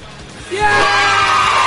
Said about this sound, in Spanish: Ya, niño, yo soy un 7, tengo que gritar fuerte ya. A la una, a la dos y a la tres.